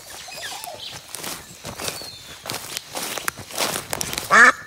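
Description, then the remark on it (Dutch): Footsteps rustle and crunch through forest undergrowth near Brussels at a steady walking pace, then a single short, loud, nasal duck quack rings out right at the end. “Dus die eend zat op een trompet in het bos, die daar uit de grond stak.”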